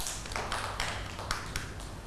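A few scattered, uneven hand claps from a small group of children, soft and brief, spread across about two seconds with no one speaking.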